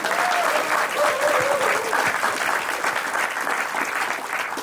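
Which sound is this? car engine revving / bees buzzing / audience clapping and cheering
audience clapping and cheering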